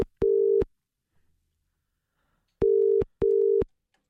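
A phone ringback tone on an outgoing call placed by the Live FM Brekkie Show: one steady electronic ring, a pause, then a double ring, each a clear mid-pitched tone with sharp starts and stops, heard alone with no talking.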